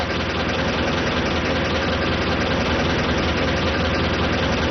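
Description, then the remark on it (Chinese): A car engine idles steadily with a constant, dense rumble that never rises or falls, fairly loud. No one speaks. “上车吧。快上车。”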